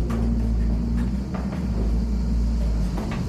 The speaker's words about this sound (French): Voilà, le moulin se met un peu à tourner, on l'entend. Voilà. Dans le frottement des meules aussi.